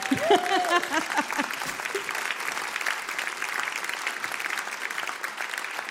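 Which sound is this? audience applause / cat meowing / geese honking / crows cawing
audience applause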